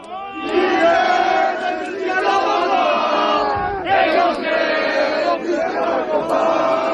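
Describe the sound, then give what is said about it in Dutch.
A large crowd of secondary school students in Grenoble, France, protesting at their schools, sings the French national anthem together, loud and sustained, many voices blending into a ragged, shouted melody with a brief dip midway before the singing swells again. “Ja, dit zijn scholieren die het Franse volkslied zingen in Grenoble.”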